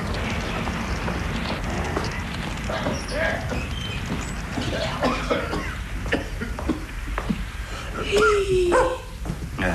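A large dog called Karabaş barks in short bursts against a busy, noisy indoor background, with shuffling and knocks, and a brief whining whimper near the end. It has been brought into a room out of heavy rain, its paws muddy.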